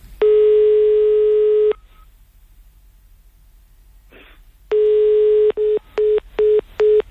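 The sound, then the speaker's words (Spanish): On an outgoing phone call, the line gives a long, steady electronic ringing tone, falls silent for a few seconds, then rings again before breaking into a run of short, quick beeps as the call is hung up. No one speaks. “Ahí está, dando tono.”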